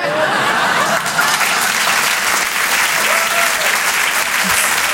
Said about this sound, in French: Vous pouvez l'applaudir très fort.